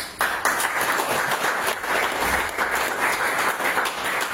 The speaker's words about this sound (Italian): Applauso d'obbligo per il mister Formisano,